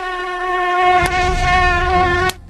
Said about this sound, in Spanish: A mi comunidad hay muchos zancudos. Sí, y hay uno que cuando te pica te puede dar malaria.